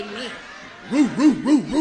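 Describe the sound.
A man imitates a big dog barking with four rhythmic, evenly spaced "woo" sounds, each swooping up and down in pitch, following a brief spoken word.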